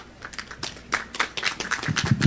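An audience breaks into applause for Dr. Luis Florián Lescano, who spoke on behalf of the regional agriculture manager. Scattered claps quickly thicken into a steady, crackling patter that grows louder toward the end, with no voices over it.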